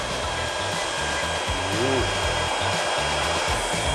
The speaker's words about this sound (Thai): แต่การใช้ในลักษณะนี้อยากจะแนะนำให้เป็นไดร์เป่าผมที่มีจำนวนแรงวัตต์ที่แรงนิดนึงนะครับมันถึงแบบจะขึ้นง่ายกว่าอย่างตัวนี้รู้สึกว่าจะอยู่ที่ประมาณ 1,800